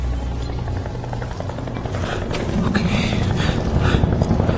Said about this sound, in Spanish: Es el helicóptero.